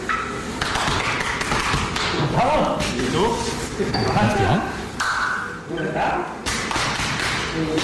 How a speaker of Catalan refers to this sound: De fet, els cops aquests que escolteu no és que estiguin apallissant a ningú, és que, com ja sabeu, per mantenir la seva masculinitat ferma s'han de pegar molt fort l'un a l'altre quan s'abracen a l'esquena